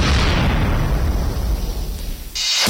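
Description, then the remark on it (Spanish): A loud explosion sound effect in a store advertisement: a heavy boom with deep rumbling that slowly fades, then a sharp bright burst right at the end. No voices. “Almacenes Bomba, explosión de precios bajos.”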